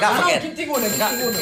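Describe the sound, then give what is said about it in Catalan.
A telephone rings with steady, bright electronic tones, overlapped by voices talking throughout the short moment. “On és el telèfon que tinc?”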